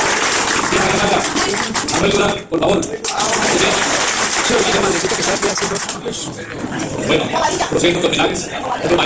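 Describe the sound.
Steady, dense clapping from a crowd at a community event fills the whole stretch, applauding a maestro being recognized. It briefly thins for a moment, then swells again, with voices mixed in beneath the loud applause.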